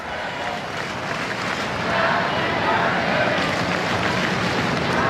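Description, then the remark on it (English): A large baseball stadium crowd sings happy birthday in unison for Ohtani during a game, a dense, steady wash of many voices that swells slightly louder partway through and holds a rough, roaring tone throughout. “Crowd chanting happy birthday for Ohtani right now.”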